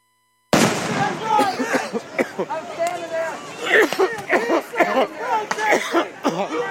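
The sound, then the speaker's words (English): Several sharp pops from rubber bullets being fired at a crowd, for a second time, ring out at irregular intervals, mixed into the crowd's loud, agitated shouting and chatter that continues throughout. “They shooting the rubber bullets out of home.”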